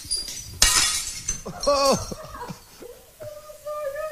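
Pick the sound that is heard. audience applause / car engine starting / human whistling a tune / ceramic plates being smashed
ceramic plates being smashed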